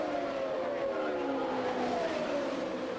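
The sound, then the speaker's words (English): Race car engines drone steadily at high pitch at the Indianapolis Motor Speedway, car 12 leading car number 9, their whine sliding slowly downward as several cars roar past together, a continuous loud, layered buzz with no pauses. “the Gould Charge, car 12 leading car number 9 at the Indianapolis Motor Speedway.”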